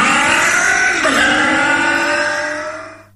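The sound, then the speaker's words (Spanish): A car engine roars loudly, its pitch surging upward in a hard rev before settling into a steady drone that fades away over the last second. No voices. “Consumen menos aceite, arrancan en frío sin problemas, tienen más fuerza de arrastre, mejoran el rinde y andan miles de kilómetros más sin problemas.”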